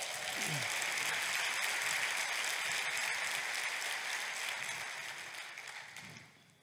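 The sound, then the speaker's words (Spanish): An audience applauds in a dense, steady wash of clapping that holds for several seconds before tapering off near the end. “Date un aplauso.”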